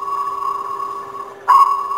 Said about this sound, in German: Das Boot, das U-Boot. Ja. Ja, da waren die Signale zu hören. Das sind diese Signale. Ja, das sind Sonargeräusche. Und das war das gleiche mit dem Echo. Da kam was zurück.